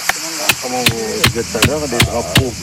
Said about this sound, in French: il a pris un marteau et il va planter les piquets.